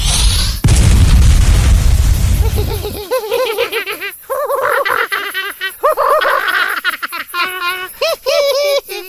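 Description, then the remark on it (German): A sharp burst opens into a heavy, roaring explosion rumble from a second fireball sound effect, lasting a couple of seconds, then gives way to high, bubbly laughter-like squeals and giggles that continue to the end. “Reicht dir der Feuerball nicht? Du kannst noch einen haben.”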